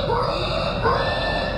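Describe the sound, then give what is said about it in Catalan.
Voices of real people in a video mimic a pig, producing continuous nasal grunting and squealing noises, loud, with no ordinary speech, filling the short moment without pause. “Aquesta, això que escoltareu és penya de veritat fent de porc.”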